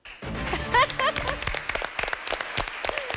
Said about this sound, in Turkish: Ailelerimizden alkış önden geldi. Size de teşekkür ediyoruz.